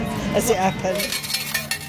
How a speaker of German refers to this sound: Sie holt am Wechselautomaten Kleingeld, das ihre Kinder an den Spielautomaten ausgeben können.